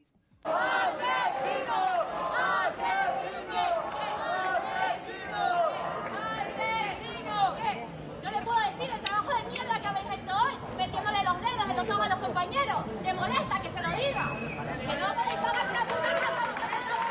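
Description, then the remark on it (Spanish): A crowd of activists holding a police cordon shouts and chants continuously for it to end, many voices overlapping into a loud, steady roar of yelling with sharper cries rising out of the din throughout. “Mientras fuera, los activistas aguantan este cordón policial y gritan para que esto acabe.”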